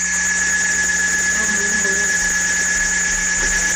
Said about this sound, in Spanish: Bueno, vamos a escuchar el ruidito que dice nuestra amiga Magnolia, que se escucha toda la noche, todo el día, de una bomba que tienen ahí. Escuche usted.